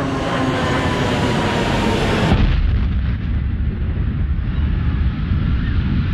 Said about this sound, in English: At 9:03, I heard another loud roar of jet engines, and it got louder and louder.